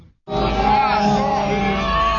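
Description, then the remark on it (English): A dense crowd of mostly twenty-somethings outside a courthouse in Russia chants the word "shame" over and over in unison, many voices blending into one loud, sustained chant that starts abruptly after a brief silence and holds steady. “They start chanting the word shame over and over in response to the court's decision.”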